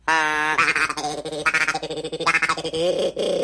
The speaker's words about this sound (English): It's like a duck calls.